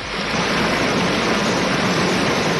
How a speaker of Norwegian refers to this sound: Dette er en bekk. Yes. Det var en liten sildrende bekk.